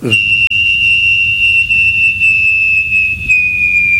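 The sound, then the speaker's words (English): A person imitates a jet landing with one long, loud, high whistle that holds steady and sinks slightly in pitch, over a low breathy rumble. No talking. “Is that a jet landing or what, man?”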